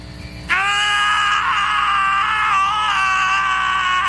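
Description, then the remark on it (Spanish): In a film scene, two men let out loud, sustained screams that burst in abruptly after a brief quieter moment and hold at full strength, raw and strained, for several seconds without a break. “Sí, ahí están gritando nuestro par de protagonistas como agradecimiento por toda la publicidad gratuita que les dio la película White Castle.”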